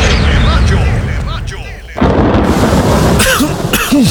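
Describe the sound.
A person coughs repeatedly and loudly in a radio commercial for Plemex 40 lagundi cough remedy, in a run of harsh, rough bursts that grow denser after a brief lull, with some voice-like sound mixed in.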